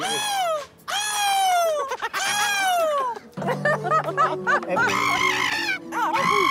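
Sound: people imitating seagull calls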